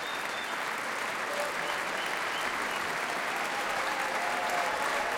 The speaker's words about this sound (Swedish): Det applåderas fortfarande här i Berwaldhallen där P2 alltså sänder direkt.